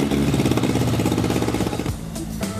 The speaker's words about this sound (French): Et voilà un moteur qui ronronne.